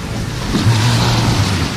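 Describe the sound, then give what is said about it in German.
A steady wash of ocean surf on Mallorca fills the brief stretch, a broad rushing hiss with a faint low hum underneath, as if a boat idles. No one speaks. “Das Meeresrauschen.”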